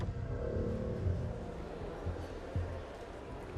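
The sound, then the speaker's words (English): Steady low rumble of three cars, a white BMW, a white Mercedes van and a grey Audi, arriving at a mall and rolling slowly, a continuous drone with a couple of brief bumps as they drive in and pull into spaces in the same parking zone. “Meanwhile, three cars arrived at the mall.”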